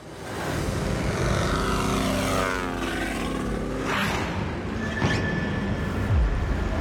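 A small propeller plane engine drones steadily and loudly, its pitch wavering slightly as it runs, with no voices present.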